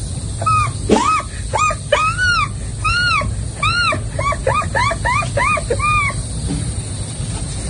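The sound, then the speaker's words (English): A voice imitates an American herring gull, giving a rapid run of loud, arching yelps and laughing cries in quick succession over a steady low rumble of background noise. “next, the herring, the American herring gull.”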